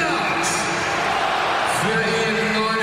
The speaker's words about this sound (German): Gab's mal ordentlich Applaus, zu Recht vom Mainzer Publikum, für Lennart Karl, der zusammen jetzt eben mit Florian Wirtz aus dieser Partie rausgegangen ist.